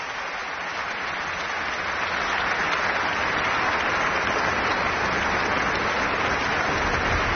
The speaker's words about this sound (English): Snowday, quatrième, qui revient une fois encore sur scène pour saluer devant le public. On l'a senti assez bouleversé à l'issue de ce bis qu'il vient de nous offrir. Et qui donc le rappelle une nouvelle fois pour l'applaudir.